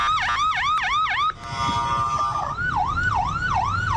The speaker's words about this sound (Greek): Συναγερμός στο κεντρικό Ισραήλ.